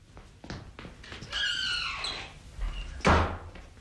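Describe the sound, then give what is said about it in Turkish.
A few sharp metallic clicks of a lock being turned from inside, then a door creaks open with a long, high squeak and ends with a heavy thud, fairly loud. “Ne diye kapıyı içeriden kilitledin iki göz?”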